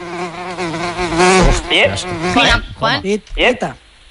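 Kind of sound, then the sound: insect, buzzing housefly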